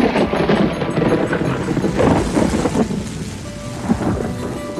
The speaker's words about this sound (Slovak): Čo to? Prší, hrmí a zároveň slnko svieti?